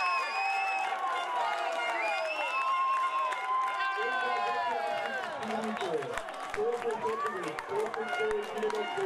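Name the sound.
football fans cheering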